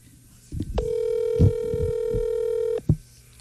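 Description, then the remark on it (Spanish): A phone call tone sounds, one steady mid-pitched hum held for about two seconds and cut off abruptly, with muffled voices and low thumps beneath it. “Ahí le está marcando, ahí le está marcando. A ver si contesta.”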